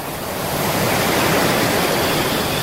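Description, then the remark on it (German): A steady, full rush of ocean waves washing onto a beach, a dense hiss that swells slightly and stays loud throughout, with no voices. “Statt dem Rauschen der Wellen zuzuhören und am Strand Energie tanken”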